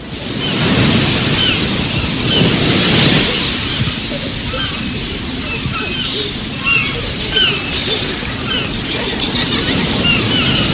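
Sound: ocean waves crashing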